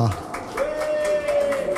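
Audience applause: a run of sharp, fairly regular claps from a small crowd, moderately loud, with a steady held tone ringing underneath for most of the burst.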